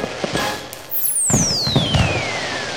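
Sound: fireworks exploding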